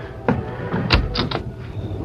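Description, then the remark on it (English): A few sharp raps on the door of Lem Decker's home shortly after darkness has fallen, loud, with the last two or three knocks coming in quick succession over a low steady background hum. “Lem Decker was in his home when a rap sounded on the door.”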